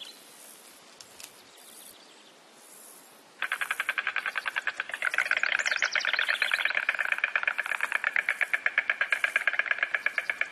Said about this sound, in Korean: 흥부리 황새들이 내는 매력적인 소리가 봄의 시작을 알리며 소나무 숲의 배경음처럼 울려 퍼집니다.